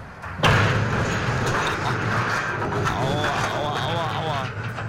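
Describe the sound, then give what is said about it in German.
A cargo ship rams and tears off a jetty at low water on the Rhine at Unkel: one sudden heavy crash, then several seconds of loud, continuous grinding and rumbling, with high creaking and squealing scrapes rising near the end. “Ja, so klingt es, wenn ein Frachtschiff bei Niedrigwasser einen Anleger rammt und abreißt.”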